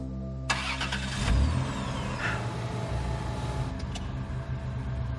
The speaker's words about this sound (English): The car just started. How? We're gonna get carbon monoxide poisoning.